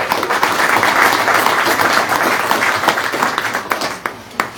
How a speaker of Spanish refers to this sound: Y pues aquí fuertes aplausos también para nuestro San Miguelito Arcángel.